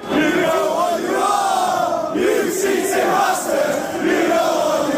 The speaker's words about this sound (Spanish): En los aledaños de Anfield se escuchó y se leyó mucho la palabra cheat, trampa en inglés, y la hostilidad se trasladó adentro del estadio con globos con el número 115 y cánticos como este.